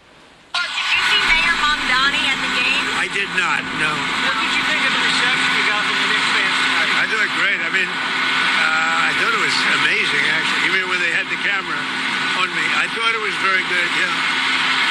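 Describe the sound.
A loud, steady roar of aircraft engines on an airport tarmac fills the whole recording, starting abruptly and running continuously while Donald Trump talks over the noise, on the tarmac ready to catch a plane.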